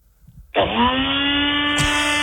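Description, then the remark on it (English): After a brief quiet moment, a compact NutriBullet blender motor abruptly switches on and runs with a loud, steady, high whirring whine that continues to the end. “What do you got there, NutriBullet?”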